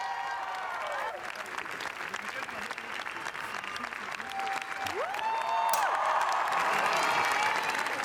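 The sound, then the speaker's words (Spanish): A standing ovation at Cannes for Los Javis after the screening of La Bola Negra, over 20 minutes of sustained applause from a large crowd: a dense steady patter of clapping with cheers and whistles rising over it, swelling louder toward the end. “Más de 20 minutos de aplausos y vítores que emocionaron a todo el equipo, especialmente lo acaban de ver a Penélope Cruz.”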